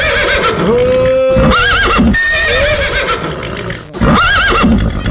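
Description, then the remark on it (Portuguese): A dapple-grey horse whinnies loudly and repeatedly, its shrill neighs wavering over a steady background of clip-clopping hooves at a trot, with no voices present. “Tordilhão, velho, tá firme na traia, parceira. Vai troteando, parceiro.”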